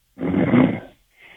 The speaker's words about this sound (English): He's sleeping. You can hear him snoring in the background